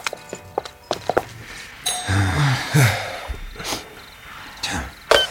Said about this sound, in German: Justus drückte die Klingel und wartete.